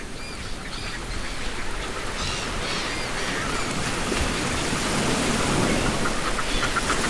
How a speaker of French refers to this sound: Ça, ce sont les fulmars